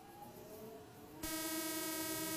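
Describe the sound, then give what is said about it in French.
A metro train runs on rails during a ride with line changes, ending at Westminster, London, with a steady rumble and whining tonal hum, then abruptly grows louder and harsher halfway through, with a broad rushing noise. No one speaks. “Métro 1, changement. Métro 2, changement. Métro 3...”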